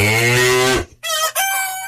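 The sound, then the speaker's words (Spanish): Farm sounds at the Tropicana farm: a dairy cow lets out a short, deep moo, immediately followed by a loud rooster crow in two quick bursts. No one speaks. “Aquí estamos en la finca de Tropicana.”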